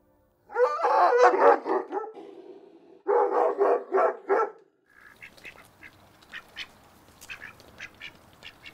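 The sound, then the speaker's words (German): A large dog, Amira, a rescued livestock guardian dog believed to be a Caucasian Ovcharka, barks loudly in two rough bursts of rapid, throaty barks, then falls quiet while faint bird chirps continue in the background. “Amira ist ein Herdenschutzhund, mutmaßlich ein kaukasischer Ovtcharka.”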